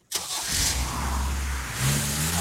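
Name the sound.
car engine accelerating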